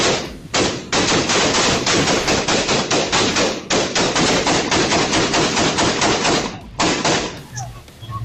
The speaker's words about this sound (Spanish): Fueron cerca de 200 disparos, donde hasta uno de los mismos atacantes resultó herido con esas mismas balas.